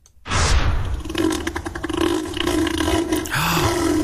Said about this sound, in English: Is it a bear? It is Neil the Seal. Oh, Neil! That is Neil the Seal.